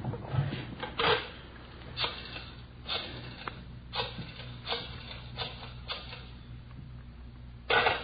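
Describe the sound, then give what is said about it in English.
A telephone being dialed to let it ring once as a signal: a steady series of about nine short, dry mechanical clicks spaced roughly a second apart, fairly quiet, with no voices. “You let her ring once. She knows the signal.”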